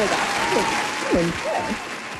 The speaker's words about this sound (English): Can we get like a round of applause or something for that? Seriously.